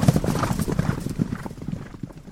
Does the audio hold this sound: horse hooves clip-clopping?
yes